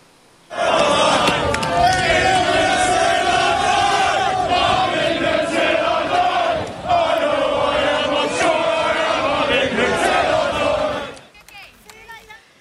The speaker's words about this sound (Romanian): Echipați cu hanorace și cagule negre, oamenii și-au strigat nemulțumirea față de migranții ilegali. Ei au blocat toate rutele de intrare și ieșire din portul Dover, dar și în jurul orașului pe o distanță de peste 6 km.